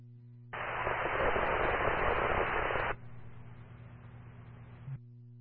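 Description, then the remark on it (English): A burst of loud, hissing radio static fills the channel for a couple of seconds, then drops to a quieter crackling hiss before cutting off, with no intelligible voice coming through. “Response, all static, go again with your message.”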